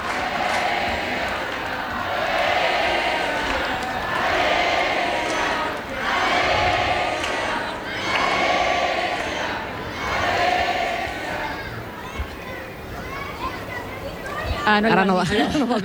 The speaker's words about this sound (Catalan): I ara tot l'aplaudiment del Johan Cruyff per una Alexia emocionada que té el micròfon a la mà i que ara li tocarà dir algunes paraules. I els crits de només hi ha una reina, Alexia Putellas.